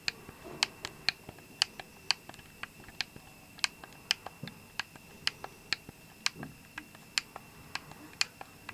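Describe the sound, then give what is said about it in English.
Keyboard arrow keys pressed over and over, a quick run of sharp plastic clicks in an uneven rhythm, against a faint low background hum. “Arrow keys here now.”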